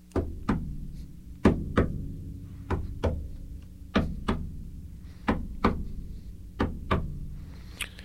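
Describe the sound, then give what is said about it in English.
Firm knocking from a mirror repeats in steady double raps, two quick knocks about every second and a quarter, loud over a low background hum, with no voices. “But then again, the knock continues.”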